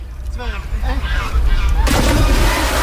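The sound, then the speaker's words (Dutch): Voices and calls, then a sudden loud splash as someone plunges into somewhat brown water at a park in Groningen while training for a triathlon, followed by a steady rush of churning, bubbling water to the end. “Het water is een beetje bruin, maar ik hoor aan de plons dat het lekker is, of niet?”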